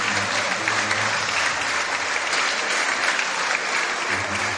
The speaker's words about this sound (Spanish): Brindémosle un aplauso a la familia